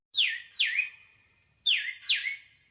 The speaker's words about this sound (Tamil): ஏ குருவி குருவி குருவி, ஏ குருவி, சிட்டுக்குருவி.